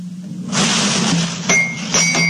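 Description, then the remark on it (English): A glass bottle found on a beach is pulled from a bag amid steady rustling, then clinks twice with bright, ringing tones that hang briefly, with a low hum underneath. “I almost forgot about that beautiful bottle I found on the beach. Here it is in my bag.”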